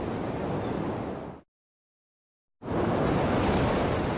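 Steady, hissing roar of ocean waves that abruptly drops to silence for just over a second, then returns at the same full, even loudness. No voices.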